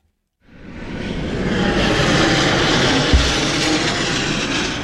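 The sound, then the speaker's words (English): An airplane on its landing approach to the Portland Jetport in Maine flies low overhead, its broad engine rumble rising quickly from silence and holding loud and steady as it passes, with no voices. “As airplanes prepare to land nearby at the Portland Jetport, they fly over what could become the new epicenter of soccer in Maine.”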